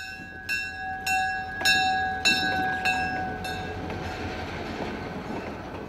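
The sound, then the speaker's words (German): A diesel locomotive pulling several passenger cars on its round through a railway museum's grounds rumbles steadily while its bell clangs about six times in an even rhythm, the bright ringing tones fading as the low train noise continues on its own. “Dreimal täglich dreht eine Diesellok mit mehreren Personenwagen ihre Runde im Gelände.”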